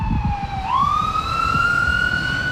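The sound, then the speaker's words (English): A loud siren wails over steady street traffic on 20th Street, its tone dipping and then sliding upward into a long sustained pitch while engine rumble and road noise continue underneath. “Yeah, maybe we'll just go down a little bit over there just so we're a little bit away from the traffic and stuff.”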